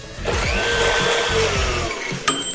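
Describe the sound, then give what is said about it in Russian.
A smoothie blender whirs loudly and steadily, its motor pitch wavering and sliding through the run, then a sharp click near the end as it cuts off. No one speaks. “Итак, смузи-машина остановилась сегодня на не самой сложной механике.”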